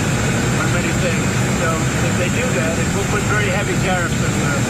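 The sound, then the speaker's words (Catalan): A loud, steady engine of a two-engine airplane roars beside the US president as he makes statements, a dense continuous drone with heavy low rumble, while faint voices murmur underneath. “Que això és un, ho fa habitualment al costat d'un dels, bueno, dels dos motors que té l'avió.”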